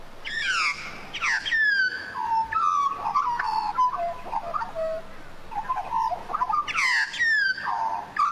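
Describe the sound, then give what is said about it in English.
Australian magpie carolling: rich, fluting warbles and descending gurgling notes in overlapping bursts, fairly loud, with a second burst of calls near the end and no talking. “Oh yeah, very, very familiar noises, but perhaps not so much the quieter birds, because while magpies topped the list this year and miners got a good run”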